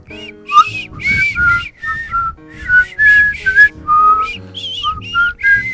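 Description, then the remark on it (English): Someone whistles a lively melody, a string of short bright notes and phrases with brief breaths between them, loud and clear with faint room noise beneath. “Do you want to whistle us out of this segment?”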